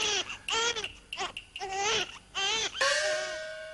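A baby cries at the Qingfeng Pavilion in a series of short, strained wails, about five bursts in quick succession with brief breaths between, fairly loud, the last cry drawn out.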